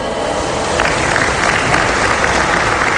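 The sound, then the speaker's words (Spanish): An audience at a Mexican Navy ceremony for a commemorative coin stands and claps loudly and steadily to receive the special guests, a dense wash of many hands sustained throughout with no voices breaking through. “Solicitamos respetuosamente a nuestros invitados especiales se pongan de pie para recibirlos con un fuerte aplauso.”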